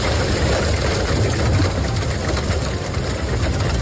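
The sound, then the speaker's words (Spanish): Heavy rain from an afternoon storm pours down steadily in San Pau de Segúries, in the Ripollès, Catalonia, in a dense, unbroken roar, with a low rumbling undertone of wind. The hiss stays loud and even throughout, and no voices are heard. “Así suena esta tarde San Pau de Segúries, en el Ripollès.”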